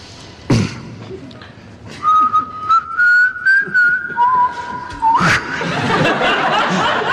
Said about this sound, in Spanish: El intérprete humedece sus labios en agua, como saben, el gran secreto de los silbadores.